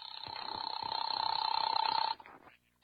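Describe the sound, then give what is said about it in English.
A single long telephone ring, a bright rapid trilling bell lasting about two seconds before cutting off, clear, with no voices over it. “There was a phone on the wall, and I tried the Blue Dolphin Casino.”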